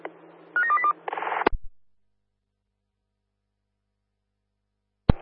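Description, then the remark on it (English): A brief burst of electronic telephone tones, a few quick stepped beeps then a buzzy tone over a low hum, cut off by a click. Silence follows until another sharp click. “Bifurt, can you give me a quick phone call, please, over?”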